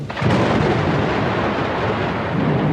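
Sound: thunder rumbling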